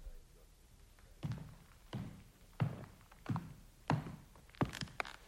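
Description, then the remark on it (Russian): About six evenly spaced footsteps of a nurse, firm heel strikes on a hard floor, walking at a steady pace along a corridor, with a quiet background and no talking. “Слышу шаги по коридору. Медсестра идет.”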